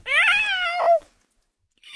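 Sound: cat meowing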